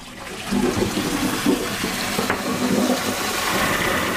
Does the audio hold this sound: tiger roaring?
no